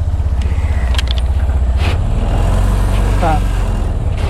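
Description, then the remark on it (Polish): A small three-wheeled auto-rickshaw engine, just started and carrying five people, runs steadily, its low, rattling drone continuous throughout, with a few faint voices and brief clicks over the motor noise. “Motor odpalony. I w drogę.”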